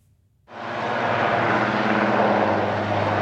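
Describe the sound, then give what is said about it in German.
A loud, steady helicopter roar starts abruptly after a brief quiet moment, with a low rotor hum beneath broad engine and wind noise continuing throughout, without any talking. It is the helicopter from which six GSG 9 special unit officers rappel onto a German Federal Police boat in the afternoon. “Sechs Beamte der Spezialeinheit GSG 9 seilten sich am Nachmittag aus einem Hubschrauber auf das Einsatzboot Bamberg der Bundespolizei ab.”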